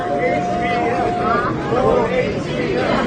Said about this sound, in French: More HBM, plus de mémoire à large bande passante en français, c'est ce que clame la foule autour de Jensen Huang, le patron de Nvidia, l'entreprise qui conçoit les puces devenues incontournables pour l'intelligence artificielle.